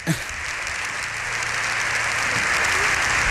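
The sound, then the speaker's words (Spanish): Sustained applause from Congress and Senate in joint session, with the galleries full, fills the chamber: a steady dense clatter of many hands clapping that holds at an even, fairly loud level throughout, with no talking over it. “Esto también es insólito, alguien que concite los aplausos la Cámara.”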